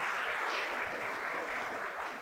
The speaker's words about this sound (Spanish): Yo no sé si usted quiere darle ese fuerte aplauso a nuestro Rey Celestial. Amén.